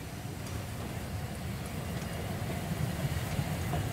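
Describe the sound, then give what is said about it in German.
A train on the Molly railway line rolls into a station with a steady, heavy low rumble and clattering wheel noise that swells slightly louder as it approaches. No voices are heard. “Und dann gehen wir raus und gucken, wenn der Zug einfährt.”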